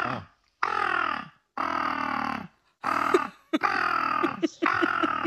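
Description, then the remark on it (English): A human voice imitates a seagull screech: five loud, harsh, nasal calls in quick succession, each lasting under a second with brief pauses between, with no other sound. “That's not a real seagull.”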